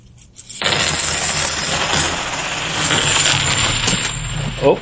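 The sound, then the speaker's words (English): A steady cascade of 90% silver coins, followed by a clad coin, pours and clinks together for several seconds, a dense bright metallic jingle, fairly loud, ending with a short final rattle and a faint voice. “And, again, these are the 90% silver coins.”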